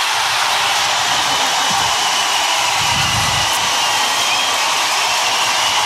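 A vast crowd in the Olympic aquatic centre roars in a sustained ovation for swimmer Léon Marchand as he walks out behind the starting blocks: a loud, unbroken wall of hissing cheers that holds steady for several seconds with no individual voices standing out.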